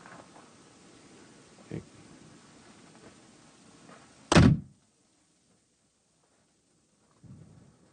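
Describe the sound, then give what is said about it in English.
A single loud, sharp gunshot cracks out over faint background rumble, followed by a brief low rolling echo off the Southside Hills before everything falls quiet. “That's the reverberation of the sound off the Southside Hills.”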